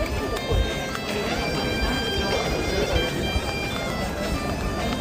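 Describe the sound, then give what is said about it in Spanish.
Pilgrims arriving in the Plaza do Obradoiro, the cathedral square of Santiago de Compostela: a dense, steady murmur of many overlapping voices, with faint sustained tones running through the crowd noise and occasional soft thumps. “Llegada de peregrinos a la Plaza do Obradoiro, Santiago de Compostela.”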